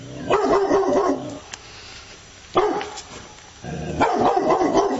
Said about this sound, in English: All right, now have a good listen to dog number two.